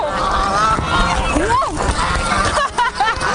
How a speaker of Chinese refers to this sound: 抓不住，全飞进去了，它太猛了，太猛了，太猛了！想抓一只给你们看看的。哎呦，我们这个鹅一般400天以上算老鹅，刚下完蛋呢，你看身强力壮的。